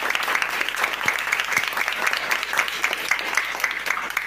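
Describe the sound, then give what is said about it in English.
A classroom full of people clapping steadily for several seconds after a correct answer in a computer quiz, a dense, even patter of many hands that stays fairly loud throughout with no voices on top. “Round of applause.”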